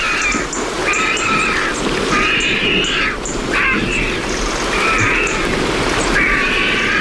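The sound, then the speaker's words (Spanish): Harsh, raspy cackling calls of vultures drying their feathers with wings spread after a downpour come in about five drawn-out bursts, one after another, over a steady rushing background noise, among holm oaks at the end of the afternoon near dusk, as a storm moves off toward Gredos. “y al fondo se están secando las plumas, los buitres. Ahí están. Con ese cacareo y una garza real.”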